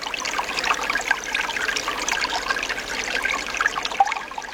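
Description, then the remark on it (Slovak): Steady trickling of spring water, a continuous babble of small splashes and gurgles with no pauses and no voices. “poľnohospodárstva tam bolo nad tým prameňom veľmi veľa rôznych dusičnanov, ktoré sa potom dostali do toho prameňa, tým pádom sa tá voda znehodnotila.”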